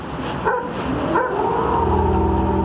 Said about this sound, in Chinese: 这种生活在藏北高原的獒犬极具攻击性，它似乎是发现了一个熟悉的敌人。